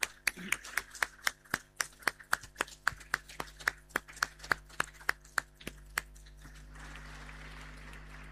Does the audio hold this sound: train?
no